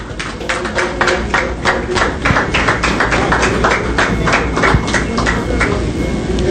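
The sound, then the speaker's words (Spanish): An audience applauds to welcome a female cyclist being introduced as a member of a team: a dense, steady crackle of many hands clapping that stays fairly loud and even for several seconds, with no voices over it. “bienvenida y también la recibimos con un fuerte aplauso.”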